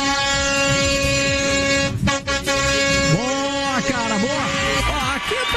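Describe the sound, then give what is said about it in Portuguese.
A car horn blares in one long, loud, unbroken honk that fills the whole stretch, with a brief dip near the start and voices chattering over it toward the end. “Quem buzina de carro, de moto, vale de todo jeito, cara.”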